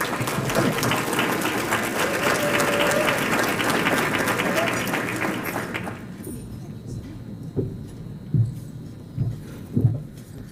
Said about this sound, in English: Let's receive her with a round of applause.